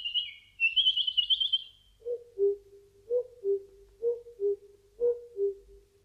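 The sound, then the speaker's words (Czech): Birds sing in a quiet forest: a high, fluttering warble for a couple of seconds, then a lower bird repeats a soft two-note call about four times at a steady pace. “V lese bylo ticho, jen ptáci zpívali.”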